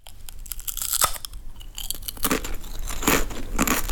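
Crunching of crisps being chewed, with sharp crackly bursts from several bites in an irregular rhythm, growing denser and louder toward the end, with no talking.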